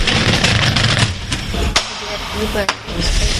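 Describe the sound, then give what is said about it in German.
A fire truck equipment compartment sliding door being opened: a rattling, clattering slide punctuated by a few sharp clicks and knocks, over a steady low engine rumble and faint background voices. “Und können wir mal die Schiebetüren von den Feuerwehren mal angucken? Wir so ein Gerätefach aufmachen, können wir mal reingucken, ne?”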